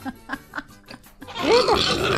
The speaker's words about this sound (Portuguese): Tá querendo comer! Olha os porcos!